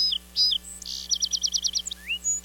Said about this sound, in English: Then there are aficionados like song sparrows that mix and match tones in complex compositions.